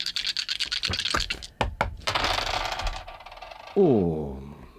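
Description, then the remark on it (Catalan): Four dice rattle in quick clicks, then a burst of clattering as they tumble across a surface. A voice cuts in briefly at the end. “T'atreveixes amb quatre? Sí. Quatre daus? Quatre.”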